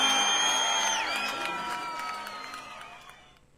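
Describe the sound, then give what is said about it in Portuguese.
A large crowd cheers and applauds, with high shrill screams and whistles over steady clapping, loud at first and gradually fading away over a few seconds. “aplausos”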